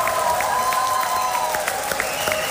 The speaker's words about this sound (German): ich saß mit im Saal und es war wirklich spektakulär. Kann ich euch beweisen, das hier zum Beispiel war der Applaus nach dem ersten Stück.